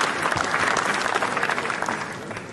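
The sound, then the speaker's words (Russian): A big ovation at the premiere of Andrey Zvyagintsev's film, which was met with a 10-minute ovation: dense, sustained applause from a large crowd, hundreds of overlapping claps merging into a steady, loud roar with no voices standing out. “Фильм был встречен 10-минутной овацией”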